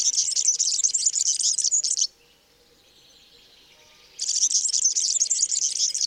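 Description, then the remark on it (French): A European serin, a tiny bird with much yellow, sings a rapid, high-pitched, squeaky jingling song in two long bursts separated by a short pause, fairly loud, with no talking. “Donc lui, il a un chant très grinçant qu'on entend ici.”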